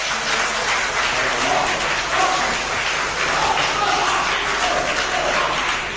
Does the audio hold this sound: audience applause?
yes